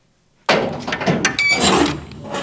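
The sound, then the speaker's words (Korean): After a brief silence, a door swings open with a sudden, loud creak, its squeaky, grinding hinge noise wavering in pitch for about two seconds. No one speaks. “갑자기 끼익 소리가 나며 뒤에서 문이 열렸다.”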